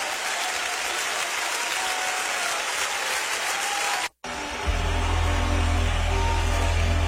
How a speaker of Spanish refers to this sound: Más fuertes aplausos para el Rey de Reyes.